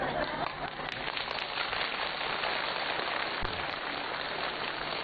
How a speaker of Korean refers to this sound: 박수 치는 게 중요한 게 아닌데